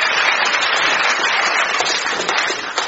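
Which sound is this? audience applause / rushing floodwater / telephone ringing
audience applause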